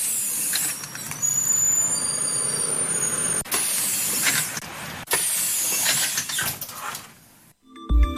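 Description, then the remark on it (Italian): Pneumatic hisses of bus doors shutting, then a heavy engine rumbling as the bus pulls away, loud, with no voices, ending in a few mechanical clunks. “anche degli autisti d'autobus che segnalano: non dimenticatevi di noi. Assolutamente no, chiudiamo le porte e andiamo in viabilità.”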